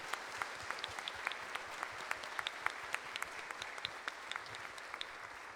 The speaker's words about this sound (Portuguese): Então, a eles, ao Padre Marcelo, aos coordenadores, vamos novamente dar uma salva de palmas para que se sintam acolhidos no meio de nós.